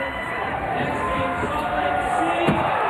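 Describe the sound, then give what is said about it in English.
A large crowd at the X Games Monster Energy Men's Skateboard Street roars and cheers steadily as Ryan Scheckler lands a huge kickflip indie onto the bank on his third and final run, with a sharp clack of the skateboard landing cutting through the noise near the end. “Ryan Scheckler sent the crowd into a frenzy with a huge kickflip indie onto the bank.”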